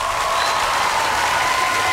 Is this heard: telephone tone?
no